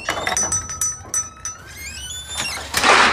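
A kitchen drawer slides open with a scraping rattle, metal utensils clinking and ringing inside, ending in a louder rush of sliding noise. Fairly loud, no voices.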